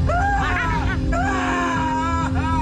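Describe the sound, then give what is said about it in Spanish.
A person screams in long, rising and wavering cries, loud, with a steady low hum and some background murmur beneath. “Piden repetición de la jugada al otro lado del cristal. ¿Cuál es? El grito.”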